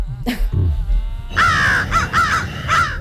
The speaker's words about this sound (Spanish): Uy, Hitchcock. Hemos cambiado las gaviotas por los cuervos, que por cierto, dice que son los pájaros más inteligentes que hay.